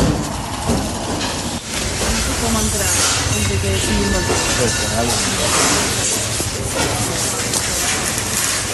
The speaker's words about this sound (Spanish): Chatarrería en el barrio de Poblenou, Barcelona.